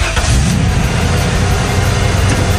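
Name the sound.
truck engine revving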